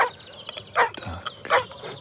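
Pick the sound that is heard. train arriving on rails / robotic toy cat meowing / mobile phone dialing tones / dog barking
dog barking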